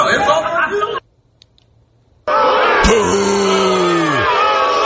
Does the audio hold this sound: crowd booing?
yes